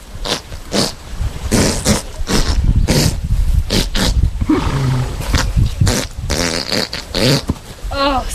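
A very gassy horse passing gas loudly and at length, a rumbling, sputtering stream of flatulent bursts that flutters and rasps for about eight seconds without a break.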